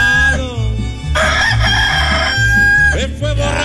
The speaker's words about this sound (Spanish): Ya cantó el gallo. Y si no escuchó el gallo, mire.